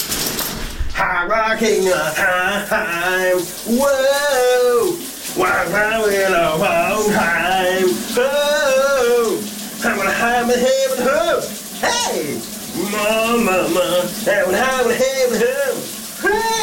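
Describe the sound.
A man, a colleague at radio station VLR, sings a summer song loudly and continuously over the steady hiss of a running shower, his voice echoing slightly, with the water noise constant underneath throughout.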